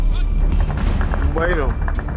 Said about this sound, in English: In the early hours of Saturday, trouble came from within. Shortly after midnight, gunshots and explosions rang out across some of Niamey's including a key military airbase, Airbase 101, and the presidential palace.